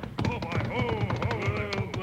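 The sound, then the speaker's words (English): Two saddle horses ridden hard gallop down a trail, their hooves pounding out a quick, uneven drumming of dull thuds that keeps up throughout, with sustained high tones ringing over the beat. “that's horses. Yeah, two saddle horses riding hard this way. Here they come, storming down the trail.”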